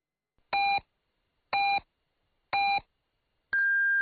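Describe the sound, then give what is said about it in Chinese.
Three short electronic beeps arrive one second apart, followed by a longer, higher-pitched final tone, the classic hourly time-signal pattern, marking 6:00 Beijing time on the general broadcast of Liuhe Radio and Television Station. It is loud and clear, with no talking. “柳河广播电视台综合广播温馨提示，现在是北京时间6:00。”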